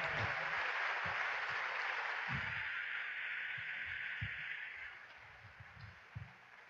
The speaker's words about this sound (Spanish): Saludamos con mucha alegría a Monseñor Alberto Ortega, representante del Papa León XIV. Un fuerte aplauso para Monseñor Ortega.